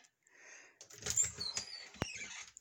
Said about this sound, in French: Là, j'ouvre la porte de mon garde-robe, c'est pas parce que je vais m'installer dedans, là. C'est plus parce que je cherche ma bonnette.